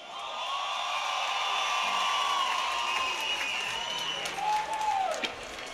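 A large crowd at a night concert of Jamaican-born music cheers and applauds continuously, with sustained high-pitched shouts and whistles rising above a dense wash of clapping at a steady, loud level throughout.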